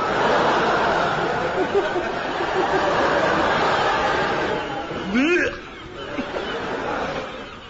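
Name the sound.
gulls calling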